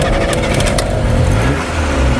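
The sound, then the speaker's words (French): The engine of a 1957 Simca Montlhéry with over a million kilometres runs loud, a rough, steady low rumble with a slight rise in pitch toward the end, and no voices. “Elle a un moteur un peu plus puissant et elle fait un peu plus de bruit.”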